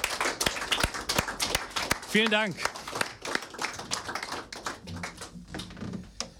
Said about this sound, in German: Und einen herzlichen Applaus bitte mal für das gesamte Team, die hinter Westküste FM stehen.